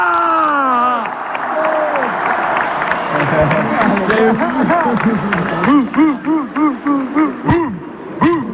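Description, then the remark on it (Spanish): A big crowd of Deportivo de La Coruña supporters roars and cheers loudly at a team celebration in A Coruña, with overlapping shouting voices, then settles into rhythmic, repeated chanting bursts that rise and fall together, a chant the players made famous from their dressing room. “El ambiente es tremendo, este ruido que ha hecho, este es una broma que tienen entre ellos dentro del vestuario, que lo han hecho famoso estos días,”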